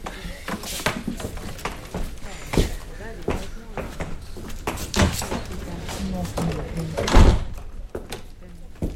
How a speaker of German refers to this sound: Komm, halt mal die Tür auf.